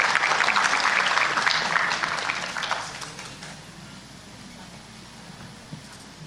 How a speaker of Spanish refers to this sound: Un fuerte voto de aplausos, por favor, para su representante.